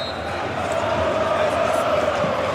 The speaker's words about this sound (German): weil hier wird gejubelt im Jahnstadion. Über 4000 Cottbusser sind jetzt auf dem Rasen. Im Einklang gemeinsam mit dem Präsidenten jubeln sie und umarmen sich alle gemeinsam.